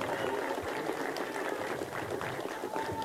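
An audience applauds the coordinator of the Texcoco artisans steadily, a dense, even wash of many hands clapping that holds at the same level for about three seconds, with faint voices mixed underneath.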